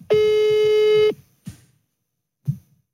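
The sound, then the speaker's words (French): A telephone call tone sounds while a call is being dialed: a single steady, buzzy beep lasting about a second, followed by two soft, brief low knocks spaced apart; no one speaks. “On va l'appeler en direct, tu vas me donner le téléphone juste après.”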